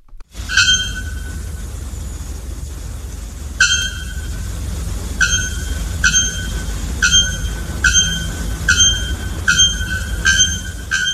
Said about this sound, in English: Now, brace yourselves for the haunting shriek of the bare-throated bellbird.